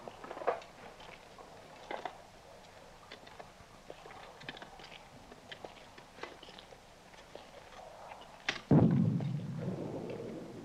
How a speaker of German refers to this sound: Horch mal. Artillerie. Aber noch sehr weit weg.